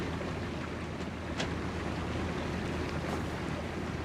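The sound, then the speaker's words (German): A steady low rumble of a boat on open water, with washing waves and wind buffeting the microphone; a couple of brief splashy bursts rise above the constant noise. “Naja, zwei Menschen allein auf einem Boot.”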